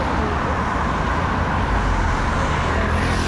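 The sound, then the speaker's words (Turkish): Dense, steady roar of heavy road traffic at the Kedit junction in Kırıkkale, Turkey, a transit route for 43 provinces, with a continuous low rumble of cars, buses and trucks and no pauses, loud throughout; heavy congestion toward Ankara and Samsun for two days. “Burası da 43 ilin geçiş güzergahında bulunan Kedit Kavşak olarak anılan Kırıkkale. Ankara ve Samsun istikametinde 2 gündür yoğunluk var.”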